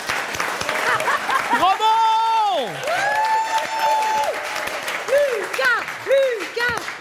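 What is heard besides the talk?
audience applauding and cheering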